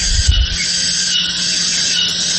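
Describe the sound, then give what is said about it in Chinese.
A steady, shrill cicada buzzing drone, played as an example of what tinnitus (ringing in the ears) can sound like, holds unbroken at a constant high pitch throughout, with a brief low thump at the very start and no voices. “哦，这个就是蝉鸣。”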